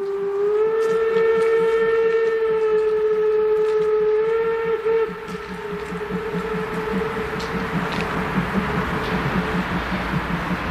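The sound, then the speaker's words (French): A loud, sustained steam train whistle blows for about five seconds over the rhythmic chuffing of a locomotive, then the chugging continues alone, steady. “Des couples de plus en plus nombreux se forment, chavirent, le sifflet du train et la salle se vide en un éclair.”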